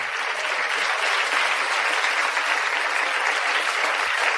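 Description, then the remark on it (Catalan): A steady wash of audience applause at the end of a circus dressage act, many hands clapping together in a dense, continuous patter that stays loud and even from start to finish. “Un fort aplaudiment!”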